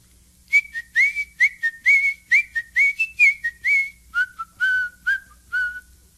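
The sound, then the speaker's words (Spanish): Cheerful whistling by Diego the mouse as he walks along the path in a story: a bouncy run of short, repeated notes, high at first and then stepping down lower for the last few phrases, clear with no talking. “Por ahí ve venir al ratón Diego que chifla contento por el camino.”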